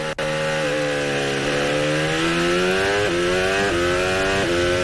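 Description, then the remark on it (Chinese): An electric race car at full throttle with its overtake mode lit, then braking, gives a loud, continuous high-pitched motor whine. The pitch climbs steadily and dips briefly several times, with no voices. “啊，你看到 overtake 现在也是亮点亮的状态啊，全油门，然后这边带刹车。”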